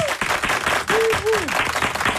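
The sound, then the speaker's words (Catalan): Loud, dense applause from a crowd welcoming the guest, actress Àgata Roca, steady throughout, with a couple of short rising and falling whoops or cheers cutting through the clapping. “No dorm, i no volem pas que la nostra convidada, que la rebem ja amb un fortíssim aplaudiment, ja hem dit qui era, l'Àgata Roca.”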